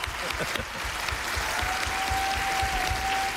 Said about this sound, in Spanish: Y un aplauso también para su última entrevistada, que ha sido Nell Harper Lee.